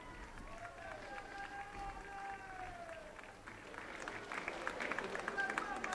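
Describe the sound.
A large crowd of faithful cheers and claps for the Pope at the Place de la Liberté after the Angelus prayer, scattered applause growing busier toward the end, with sustained voices and high tones drifting over a steady murmur.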